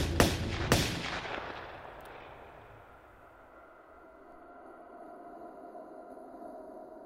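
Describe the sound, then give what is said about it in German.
Two sharp gunshots crack in quick succession, loud, followed by a long echoing decay that fades into a low rumbling ambience. “Der Chauffeur, einer aus Wolfsheims Verbrecherbande, hörte die Schüsse.”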